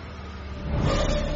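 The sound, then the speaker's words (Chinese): A car engine hums steadily outside the window, then swells louder as the vehicle seems to accelerate or draw closer, a low rumbling drone with no voices present. “窗外传来车子的引擎声， 糟糕，他们追过来了”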